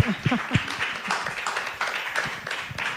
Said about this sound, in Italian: Grazie, allora io, grazie mille, un applauso.